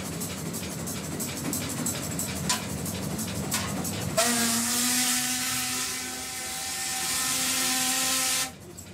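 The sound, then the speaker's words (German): Repeated metallic scraping and clanks of a special shovel smoothing the fire and spreading coals and embers evenly over the grates in a locomotive firebox, then a loud, steady roaring hiss with a low tonal hum takes over and holds to the end. “Das heißt, da müssen wir mal erstmal das Feuer ein bisschen glatt machen.”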